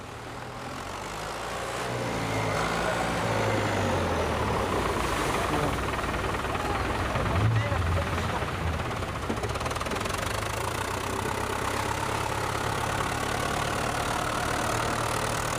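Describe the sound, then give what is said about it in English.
Several small fishing boat engines chug and knock steadily as the boats head for shore at the end of the day, swelling in over the first couple of seconds and then holding loud, layered over a broad rushing wash. “At the end of the day, a swarm of small boats heads for the shore in a perfectly harmonious movement.”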